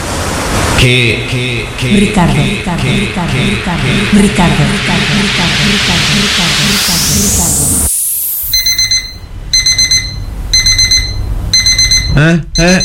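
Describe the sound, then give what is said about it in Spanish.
An alarm clock goes off at 10 in the morning on a Saturday with loud, rapid electronic beeps in repeating bursts, right after busy music and a rising whooshing sweep cut out abruptly. “¿Por qué suena el despertador?”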